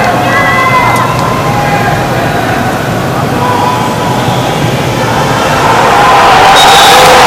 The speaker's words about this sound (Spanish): Y el aplauso final y los cuatro tontos de siempre en cada estadio que creen que tiene su momento de protagonismo